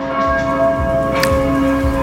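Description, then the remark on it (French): Church bells at the Basilica of Saint-Vincent in Metz, Moselle, France, ring steadily and loudly in unison with all the churches of Moselle to greet the Pope's arrival, their sustained tones overlapping in a continuous, resonant peal with rhythmic strikes recurring about every half second, no voices present. “Oui, est-ce que les cloches sonnent chez vous?”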